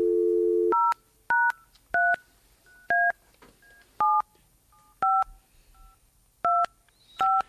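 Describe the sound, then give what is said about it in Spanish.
A steady dial tone gives way to a sequence of nine touch-tone beeps, each a short two-pitched electronic tone, pressed at an uneven, roughly one-per-second pace with quiet gaps between, as a radio programme tries to phone a listener. “Intentamos llamarlo.”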